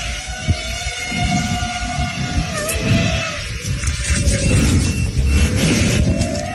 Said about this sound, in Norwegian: Ja, dette en drone eller flere. I dag dronene billige og effektive supervåpen.